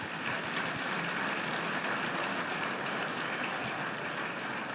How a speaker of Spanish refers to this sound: Denle un fuerte aplauso a la palabra en esta hora.